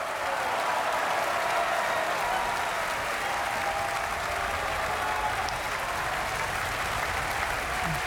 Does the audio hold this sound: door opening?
no